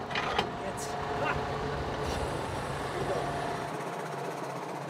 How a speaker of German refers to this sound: kann das Koppeldreieck am Traktor hoch und runter fahren